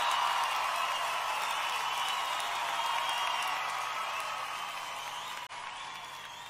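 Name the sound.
audience clapping and cheering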